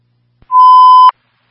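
A single steady, high electronic alert tone like a radio dispatch beep, lasting just over half a second and starting right after a faint click, as a Signal 20 is transmitted for a fire alarm at Bella Subs, 2 Wade Road. It sounds loud, with no voices.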